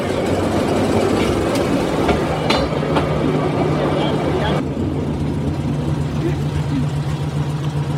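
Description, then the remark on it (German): A Draisine rail trolley, built by FKF of Frankfurt to Bundesbahn specification, drives off a turntable and rolls along the tracks with a steady engine drone and rumble as gears are shifted, a few sharp metallic clacks near the start, and faint muffled voices underneath. “Hallo KF, die Draisine von 19 nach 117.”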